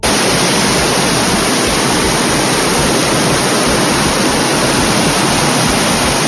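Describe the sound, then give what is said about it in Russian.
A steady, loud roar of floodwater rushing through the streets of Grodno, Belarus, after an ordinary May rain fills the whole clip, dense and unbroken, with no voices over it. “Это реки воды, которые в прямом смысле слова залили улицы Гродно после обычного майского дождя.”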